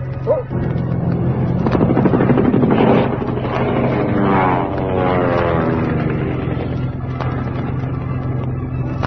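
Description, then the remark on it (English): A propeller plane engine drones loudly and steadily throughout, a continuous low hum with a rough, throbbing edge and a slight swell in pitch midway. “behind us, a plane. They're shooting at us.”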